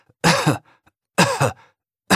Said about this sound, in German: Husten auf Befehl klingt komisch.